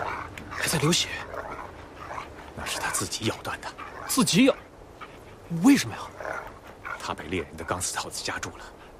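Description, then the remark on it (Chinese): An injured, bleeding wolf with one front leg bitten off at half length after being caught in a hunter's wire snare whimpers in short, strained whines, a couple of rising cries standing out, while people talk over the sound throughout. “啊，哪个家伙过去，哪狼以为你要打他，还不跟你拼命啊！”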